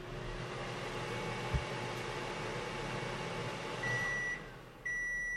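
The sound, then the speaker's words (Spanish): Two sustained electronic beeps from an oscilloscope, signalling that all is ok, the first lasting about half a second and the second running on to the end, sounding steadily over a constant background hiss. “Hasta que oiga que yo tengo aquí un osciloscopio y va a oír un pito.”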